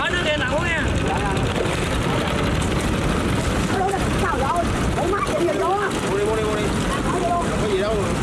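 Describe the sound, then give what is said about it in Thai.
Small motorboats putter and drone steadily, their engine rumble loud and unbroken, as they are skilfully steered through a busy wholesale floating market where boats sell goods to tourists, while scattered voices of people chatter and call out over the noise. “ต้องชมกันจริงๆนะครับว่าเขาขับเรือกันได้เก่งมากๆอย่างเรือเล็กๆที่แทรกอยู่ในตลาดขายส่งยังมีเรือขายซาลาเปาของคุณยายเรือขายชาขายกาแฟขายน้ำ”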